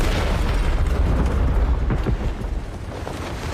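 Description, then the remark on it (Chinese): A loud explosion with a deep booming rumble that roars steadily for a few seconds before easing slightly. No voices, just heavy low-end blast noise. “黑英雄从不回头看爆炸。”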